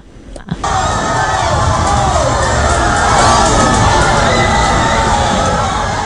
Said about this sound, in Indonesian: Beginilah suasana nonton bareng Piala Dunia 2026 di Kafe Ujung Gempe Kota Ambon. Sorak-sorai pendukung negara peserta Piala Dunia 2026 tak terbendung meski kadang hasil akhirnya mengecewakan.